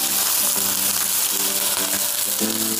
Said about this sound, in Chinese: 现在这个黄骨鱼已经煎到两面金黄，我现在要往锅里加入热水。